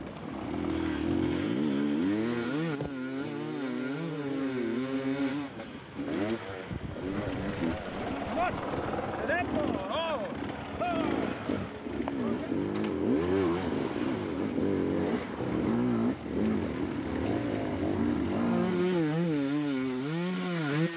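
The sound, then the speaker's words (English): A motorbike engine revs hard and continuously on a steep, near-vertical climb on a track, the rider off the bike without rear brake, its pitch repeatedly surging and dropping as the throttle works, with a loud raspy buzz throughout and voices now and then underneath. “Is he going to get back on now? That would let him use the rear brake too, which would be a good thing.”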